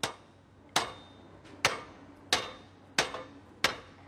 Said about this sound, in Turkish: Sanırım çekiçle halledilebilir. Bu, vuracak mısın? Evet, kayıcı çatalı öne iteceğiz. Daha önce hiç çekilmemişti.